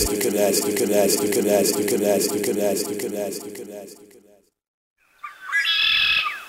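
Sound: red-winged blackbird calls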